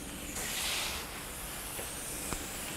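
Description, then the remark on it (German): A steady, hissing rush of water spraying from a shower hose as a zookeeper showers tapirs to cool them off and rinse off dirt, swelling a little louder early on before settling into an even stream, with a brief soft knock near the end. “Ich sag mal, die mögen auch wirklich so einen richtig dollen Strahl.”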